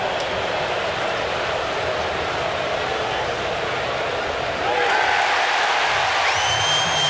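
A large baseball stadium crowd in Cleveland, at a Cleveland versus Seattle game, murmurs steadily while Patrick Bailey's challenge of a pitch call in the 7th inning is reviewed, then swells into a louder roar about two-thirds of the way through as the fans react, with no clear talking over it.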